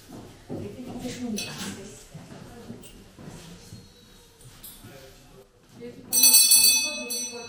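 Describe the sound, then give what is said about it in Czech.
A hand bell rings loudly and brightly near the end, a rapid shaken jangle lasting over a second, marking the end of a school lesson, after several seconds of people talking and some shuffling. “Takže zazvonil zvonec a vyučování je konec.”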